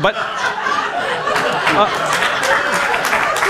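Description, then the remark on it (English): An audience laughs and claps together, a steady wash of hand claps mixed with chuckling and murmuring voices, holding at a fairly loud, even level for a few seconds. “Don't applaud.”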